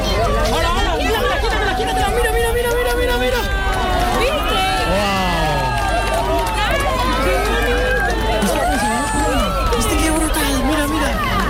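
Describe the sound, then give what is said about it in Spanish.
A large crowd erupts in excited cheering at a total solar eclipse, with many overlapping voices shouting and whooping alongside scattered clapping, loud and sustained throughout without a pause. “Aplausos, lágrimas, gritos, abrazos, mucha emoción.”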